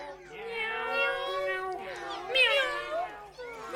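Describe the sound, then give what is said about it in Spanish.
A cat meows in long, wavering, drawn-out cries, two or three running together, fairly loud with no other sounds around them. “Este animal tiene bigotes largos y maulla.”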